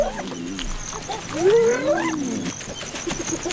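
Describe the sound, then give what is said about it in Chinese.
Several spotted hyenas yelp and whoop over one another while feeding, with a rising, wavering call standing out in the middle, a noisy chorus of excited cries and grunts. “斑鬣狗的进食风格是非常吵闹的，它们使用一系列的呜咽、叫喊和呼唤声来交流。”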